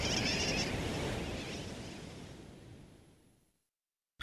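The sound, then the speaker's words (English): A dense, noisy chorus of sooty tern calls, as from a crowded colony, starts loud and gradually fades away into silence, with no one talking. “Some say sooty terns derive their nickname wide awake from the kerwacky-whack or wacky-whack of their calls.”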